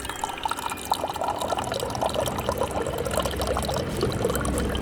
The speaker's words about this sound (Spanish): Me levanté y me dirigí a una máquina de agua. Llené un vaso de plástico y volví a sentarme.